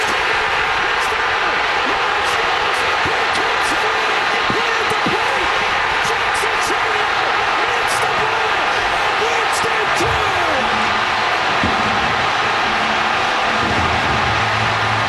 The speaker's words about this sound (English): Was one of the biggest eruptions by a crowd I have ever heard, partially because it's a starved for winning a championship Milwaukee Brewers best record in baseball this year. But you couldn't hear the announcers at all.